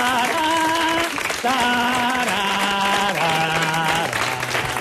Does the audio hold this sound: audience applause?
yes